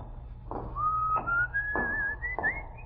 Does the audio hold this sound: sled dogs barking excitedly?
no